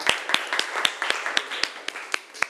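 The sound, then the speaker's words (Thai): A class of students claps in a steady, fairly quick rhythm for the group 1 representatives who are presenting their travel program, sharp hand claps repeating about every quarter second, moderately loud and continuous throughout with a diffuse spread of overlapping hands underneath. “เอาละค่ะมาชมที่กลุ่มที่1ก่อนเลยปรบมือให้ตัวแทนจากกลุ่มที่1หน่อยค่ะ”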